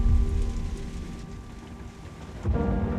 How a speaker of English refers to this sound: She drove through the heavy rain, but on the way, she was caught in a sudden flash flood.